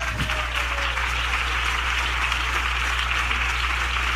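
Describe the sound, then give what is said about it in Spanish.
A crowd claps steadily for several seconds for Christ Jesus at a preacher's call: a dense, even wash of many hands at a constant loudness over a low steady hum, with no voices standing out. “¿Puede darle palmas a Cristo Jesús?”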